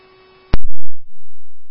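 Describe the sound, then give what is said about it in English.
Fire dispatch alert tones over a radio for a Level A call: a steady electronic tone, a few sharp clicks, then a second long, loud, unwavering tone with no one talking. “These are your tones for the Level A call at 1033 Gershwin Avenue, Unit 203.”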